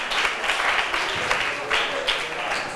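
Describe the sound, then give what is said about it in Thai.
A group of students clap together for their classmates in group 4, a steady, dense patter of applause lasting a few seconds, the rapid overlapping claps holding an even loudness with no voices over them. “ขอบคุณกลุ่มที่4ปรบมือให้เพื่อนหน่อยค่ะ”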